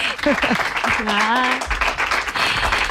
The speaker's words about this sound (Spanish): ¡Un aplauso para ella!